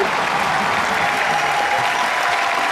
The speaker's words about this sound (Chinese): 咱们此时此刻站在舞台上也得等。 等什么呀？ 掌声啊！ 又来了。